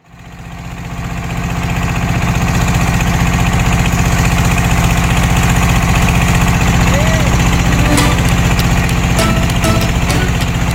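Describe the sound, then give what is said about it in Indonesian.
A small perahu ketek river motorboat engine drones loudly and steadily from start to finish, swelling up in the first second, with a few sharp clatters and knocks near the end, on the river trip to Sungsang 4 village from Sungsang Port at Tanjung Api-Api, Banyuasin, South Sumatra. “Perahu ketek menjadi sarana tercepat perjalanan sungai menuju Desa Sungsang 4.”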